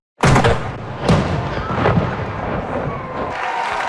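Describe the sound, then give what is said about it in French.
Loud cannon shots from a 21-gun salute fired by the Canadian Armed Forces for new citizens in Montréal, three booming blasts about a second apart, each followed by a long, rolling echo that fills the open air. “Les Forces armées canadiennes ont salué ces nouveaux citoyens de 21 coups de canon et la fête a repris en musique et en chanson.”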